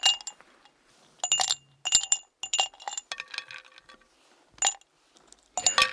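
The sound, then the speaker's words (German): Ice cubes clink against the sides of a glass holding a drink in several bright, sharp bursts, irregularly spaced and fairly loud, with short pauses of quiet between them. “Ich empfehle zwischendurch auch mal ein Eis am Stiel oder auch Eis im Glas mit Ihrem Lieblingsgetränk.”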